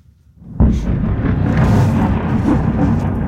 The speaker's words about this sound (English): Explosions flashed across the capital's buildings overnight. The attacks damaged several sites, including this school.